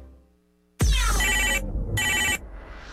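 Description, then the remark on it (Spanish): A telephone ring sound effect on the radio show La Papaya on Exa 95.5 rings loudly in two bright, jangling bursts separated by a short pause, preceded by a low musical tone fading out at the start. “WhatsApp en cabina”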